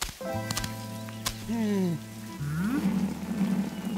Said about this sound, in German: Ja, ich schau mal schnell nach der Regentonne. So wie das heute regnet, läuft sie bestimmt über.